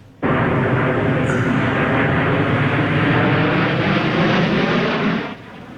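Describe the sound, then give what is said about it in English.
A loud, steady roar of high-powered jet planes flying overhead at an air show in Toronto, starting abruptly and holding for about five seconds before cutting off, with no talking. “But with that, though, some high-powered planes will be taking the skies in just a couple of hours.”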